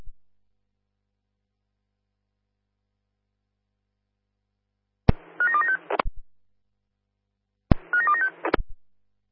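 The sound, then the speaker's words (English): Two short bursts of telephone keypad tones as a phone call is dialed, each a quick run of electronic beeps opening and closing with a sharp click over a low hum, separated by a few seconds of silence. “Stand by, I'll give you a phone call.”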